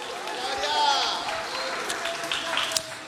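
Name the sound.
audience applauding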